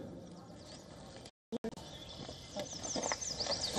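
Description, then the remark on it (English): A red-eyed vireo sings short, whistled phrases repeated with brief pauses over a busy outdoor background, with a sudden dropout of sound partway through. “I hear a red-eyed vireo, a bird that likes.”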